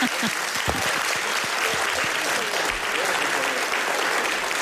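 Sustained applause from an audience, a dense wash of many hands clapping at steady loudness for several seconds, with a few sharper individual claps standing out.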